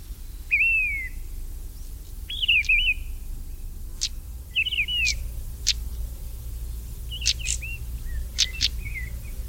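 A mistle thrush sings short, fluting whistled phrases separated by brief pauses, fairly clear, over a steady low background rumble.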